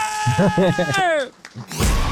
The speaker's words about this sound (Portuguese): sempre com uma coisinha diferente e com esse berro maravilhoso